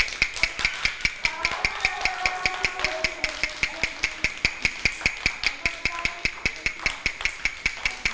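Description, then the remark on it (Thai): A teacher taps out a fast rhythm for children: quick, evenly spaced taps knock out a steady fast beat, about five or six sharp clicks per second, continuing for the whole stretch with faint tonal sounds underneath. “ถ้าครูหญิงเคาะ2ครั้งติดกันแบบนี้คือจังหวะอะไรคะ”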